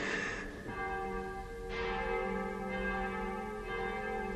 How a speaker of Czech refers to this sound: Proboha. Zvony. Co? Už zase.